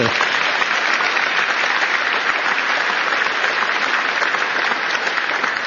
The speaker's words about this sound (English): An amazing man, gotten to know him so well, Jensen Huang. Jensen, you know, go ahead, you can clap for him.